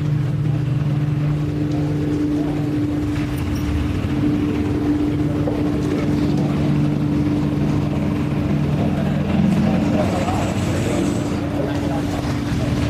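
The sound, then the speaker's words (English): A golf buggy's small engine hums steadily for the whole stretch at a golf tournament, a couple of buggies revving up on the right-hand side slightly out of sight, a constant low motor drone with slight swells in pitch but no pauses. “Hold still behind, guys. Buggy's revving up.”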